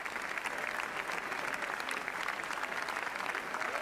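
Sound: audience ovation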